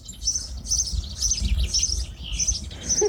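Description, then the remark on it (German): Small birds chirp in quick, repeated bursts, several calls overlapping, over a low rumbling background with no voices. “meine Vögelein. Hier sind wir also jetzt zu Hause.”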